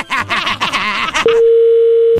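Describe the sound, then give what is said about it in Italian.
A brief stretch of overlapping voices gives way to a steady, continuous telephone dial tone as an outgoing call is placed, a single unbroken hum that holds loud and clear for about a second. “Adesso faccio andare le telefonate, poi in cuffia ti diciamo quello che devi fare.”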